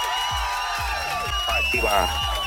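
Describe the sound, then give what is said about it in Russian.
An applause and cheering sound effect played on Europa Plus radio for a listener who gave the right quiz answer: a short burst of crowd cheering and whooping with applause, layered over a steady thumping low beat, loud and lively throughout. “Аплодисменты для тебя.”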